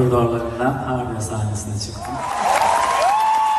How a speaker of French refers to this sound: Malgré les applaudissements du public, nombreux sont les spectateurs qui n'osent pas le soutenir ouvertement en critiquant une procédure judiciaire et qui s'auto-censurent.